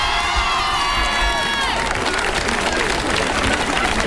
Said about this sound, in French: vous pouvez l'applaudir bien fort.